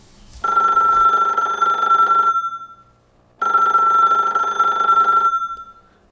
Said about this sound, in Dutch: Oh, telefoon.